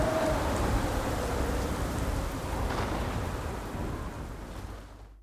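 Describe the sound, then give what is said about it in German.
A ship rolls onto its side and sinks into the sea with loud, continuous gurgling and churning water, a dense rushing wash that holds steady for about five seconds before cutting off abruptly. No voices. “Mit einem Gurgeln sackt die Mignonette zur Seite und versinkt in den Fluten.”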